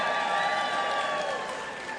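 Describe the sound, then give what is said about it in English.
An audience claps together in a steady burst of applause, dense and fairly loud, easing off slightly toward the end of the two seconds. No one speaks over it. “They could have clapped for no reason, but”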